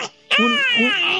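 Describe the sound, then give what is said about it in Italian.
A loud cat yowl: one drawn-out, wavering wail lasting about a second, just after a brief faint sound, with no talking. “Un'invasione di gatti.”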